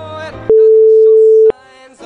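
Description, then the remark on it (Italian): A loud, steady telephone tone sounds once for about a second while someone phones a teacher, a single flat beep like a line ringing, with softer music playing before and after it. “Però possiamo telefonarle, qui ho il suo numero.”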